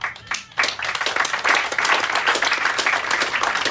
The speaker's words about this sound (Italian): Applauso.